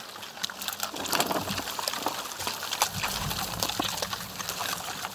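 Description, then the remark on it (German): Wild boars munch and smack noisily, a steady stream of wet, crunchy chewing clicks and slurps with no one speaking, holding at a fairly even loudness throughout. “Oh ja, schmatzen können sie.”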